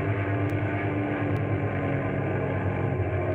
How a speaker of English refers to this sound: And the pilot is bringing the plane around again.